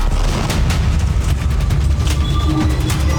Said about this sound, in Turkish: Gazze'lilerin üzerine bomba yağdı. Hedefte bu kez Deir el-Belah'taki sivil yerleşim bölgesi vardı. İsrail savaş uçakları bölgeyi bombaladı. Saldırı anı kameralara da yansıdı. Patlamayla birlikte gökyüzüne alev topu yükseldi.